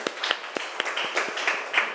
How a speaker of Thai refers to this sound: ดีมากค่ะปรบมือดังๆให้ตัวแทนจากกลุ่มที่3นะคะ